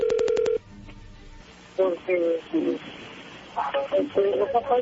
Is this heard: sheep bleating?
no